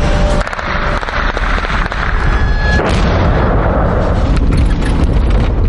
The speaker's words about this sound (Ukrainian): Вже у звичайній машині та без бронежилетів бачимо, як перехоплювачі намагаються збити шахет у небі над селом. По шахеду стріляють, але він летить воювати з черговою роздовбаною українською хатою.